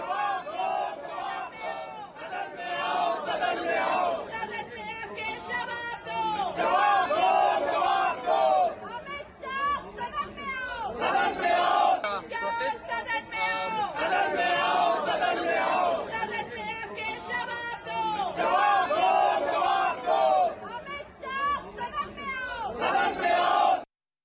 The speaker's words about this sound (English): Opposition MPs led by Congress Member of Parliament Pawan Khera today staged a demonstration in Parliament complex carrying toy monkeys and raised slogans against Prime Minister Modi.